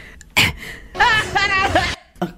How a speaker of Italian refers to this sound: Aspetta, viene il singhiozzo, scusa. Cosa? Hai sentito? Cosa? C'è il singhiozzo.